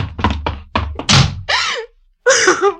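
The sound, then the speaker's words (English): A rapid run of heavy wooden knocks and thuds ends in a loud door slam as a door is shut and locked, followed by two short, strained vocal exclamations. “unlock this door.”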